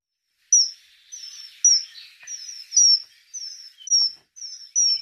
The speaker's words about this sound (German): Der Pfiff des Eisvogels haben Sie hier gehört. Es ist ein schöner Vogel. Seine Oberseite schimmert glänzend blau, die Unterseite leuchtet orange.